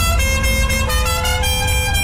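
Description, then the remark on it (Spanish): Several car horns blare continuously in overlapping tones, loud, over a low rumble of traffic, with a few honks rising and falling throughout. “¿Estás en el tráfico?”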